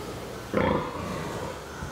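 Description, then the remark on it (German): A sow in an organic farm's farrowing barn, where the sows are kept separated and cannot see each other, gives a low, rough grunt lasting about a quarter second, followed by softer snuffling grunts over steady background noise. “Die Sauen sehen sich nicht, deshalb grunzen sie”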